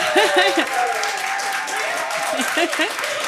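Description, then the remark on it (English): A crowd applauds steadily at the Discover Women in Jazz 2026 concert, broadcast live from the Long & McQuaid Performance Hall at Jazz FM 91, a dense wash of clapping at an even level throughout, with a few voices cheering and calling out over it. “What nice applause.”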